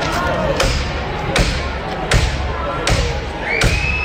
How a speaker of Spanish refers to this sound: Este es el momento en el que la policía ha reventado hace nada, hace 2 minutos, la puerta del portal